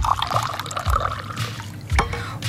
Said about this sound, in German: Und das sieht so verlockend aus mit der Limette da drin und es ist so heiß. Ja. Ich würde wohl mal ein Schlückchen nehmen. Sehr gerne. Dann gieße ich Ihnen mal gerade auch etwas ein.